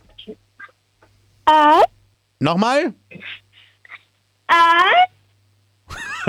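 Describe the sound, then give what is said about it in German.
A 10-year-old girl from Styria, Austria, at Radinos Mini-Disco imitates a wolf howl several times: loud, short, tonal wails with pitch that swoops up and slides down, separated by pauses, with a brief spoken question in between. “Und zwar hätte ich gerne, dass du mal heulst wie ein Wolf.”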